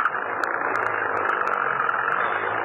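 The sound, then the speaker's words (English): A car engine is started and runs steadily at idle, a continuous rumbling drone with a hissing mid-range noise that holds at an even level throughout, with no voices, in the hills as a storm approaches. “Get the car started.”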